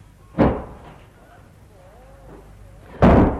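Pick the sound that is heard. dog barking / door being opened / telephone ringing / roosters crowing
door being opened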